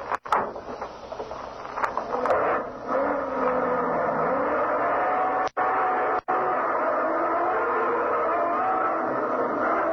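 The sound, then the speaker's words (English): A heavy military truck engine in a German convoy drives steadily through a guarded front gate, rumbling loud and continuous, with a brief rev and gear shift early on before settling into an even drone, cut by two short gaps. “Just as we caught up with the Jerry convoy, the truck ahead pulled through the front gate.”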